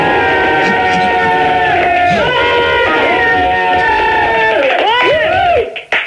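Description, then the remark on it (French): A loud, dense crowd yelling and jeering, played from a cassette recording, with overlapping shouts and rising, wavering cries throughout before it cuts off abruptly near the end. “Tu peux les refaire gueuler une autre fois, là? Non, c'est une cassette.”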